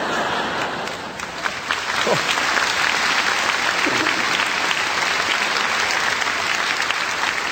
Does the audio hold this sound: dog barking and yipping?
no